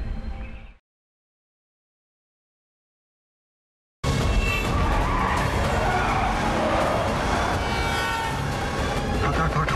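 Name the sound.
car driving fast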